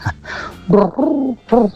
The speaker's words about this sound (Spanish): se escucha el arrullo de las tórtolas, un regalo de nuestro maravilloso extranjero, del cual no conocemos su nombre, pero sí el sonido de las tórtolas que trajo.